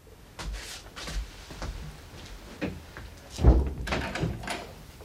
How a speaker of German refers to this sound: Machen Sie die Tür zu und schließen Sie ab.